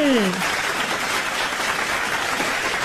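Steady applause from an audience on a radio programme after a story was told, a dense wash of many hands clapping that holds evenly for about three seconds, with a brief falling vocal tone at the very start.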